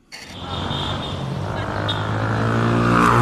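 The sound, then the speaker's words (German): A steady roar of motor traffic fills a busy Cairo street scene around a traffic island between two large roads, where a 3-metre statue of an Egyptian singer stands; engines rumble, slowly building in loudness, with a faint murmur of voices mixed into the street noise. “Der Anblick der meterhohen Statue genügt, um das Kairoer Straßenchaos für einen Moment zu vergessen”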